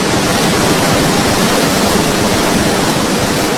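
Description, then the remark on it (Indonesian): Loud, steady rushing of the Serayu River's water, a dense continuous roar of churning current with no pauses and no voices, not far from the Merica Reservoir in Banjarnegara. “Derasnya air Sungai Serayu terdengar tidak jauh dari Waduk Merica, Banjarnegara yang mempunyai luas 1.250 hektar.”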